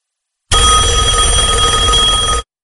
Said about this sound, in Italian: Finalmente, rispondo subito al primo squillo.